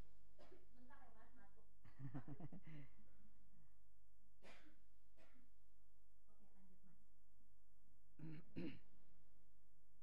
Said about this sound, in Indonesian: Minum. Iya, butuh air ini. Aduh, batuk banget. Sorry Mas, saya gak memang apa-apa, lagi batuk apa-apa.